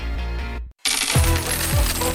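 Coins jingle and clatter in a bright, dense metallic shower that runs to the end, following a short tonal passage and a brief moment of silence, in an advert for the Fishka Sushi million-rouble giveaway.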